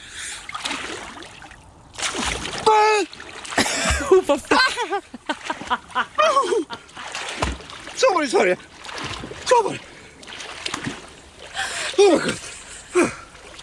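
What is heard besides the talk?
person whimpering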